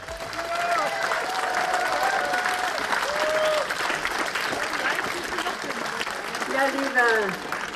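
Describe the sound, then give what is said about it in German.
Steady, dense applause from a crowd of over 400 at a BSW rally on the Fischmarkt in Halberstadt, Germany, as Sarah Wagenknecht takes the stage under large BSW flags; continuous clapping at an even loudness, with some whistles and a few cheering voices rising over the clapping near the end. “Unter großen BSW-Flaggen und Applaus betrat Sarah Wagenknecht die Bühne und richtete ihre Ziele für die Landtagswahl an die Halberstädter.”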